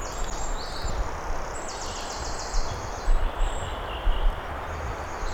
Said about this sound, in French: Toujours dans l'épaisseur de cette forêt.